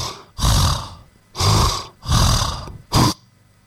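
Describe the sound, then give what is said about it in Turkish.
A voice imitates a man's loud snoring: four rough, rasping bursts in an uneven rhythm, the last one short and snorting, with brief pauses between them. “Bu normal diyorsun, bu adam horluyor. Fakat bizim bu arkadaş abi ara sıra şöyle bir şey yapıyor bak.”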